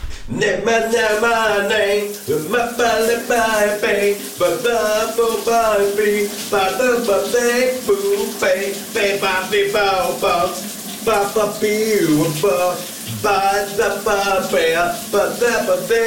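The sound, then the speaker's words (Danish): A man sings continuously while taking a shower in the morning, his melodic, rhythmic voice echoing over the steady hiss of running water that fills the background throughout. “giver os lidt skønsang, når han går i bad.”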